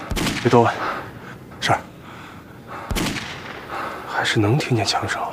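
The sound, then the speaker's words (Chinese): Distant gunfire: two sharp, booming shots roughly three seconds apart, echoing faintly, with people talking quietly in between and afterward. “是，还是能听见枪声。”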